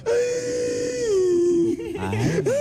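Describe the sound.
A voice imitates a foot crying, with exaggerated crying: a long, drawn-out wail that slowly falls in pitch, then breaks into shaky, sobbing whimpers before rising again. Fairly loud, with no other sounds.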